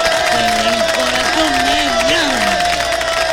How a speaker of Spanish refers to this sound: aplauso, por favor.